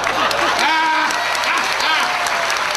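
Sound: audience applause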